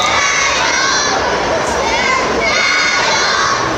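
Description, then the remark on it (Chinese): Spectators in the stands roar steadily throughout as a robot competition match begins at 8 p.m., dense cheering and shouting with high-pitched young voices rising above the din; loud and continuous, with applause blended into the noise. “晚上8点，比赛开始，双方机器人激烈拼抢，看台爆发出掌声和欢呼声。”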